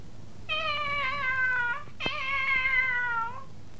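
Two drawn-out, high-pitched meows from a kitten that got into a desk drawer in a classroom, each lasting over a second with a brief pause between, clear against a quiet background with no talking.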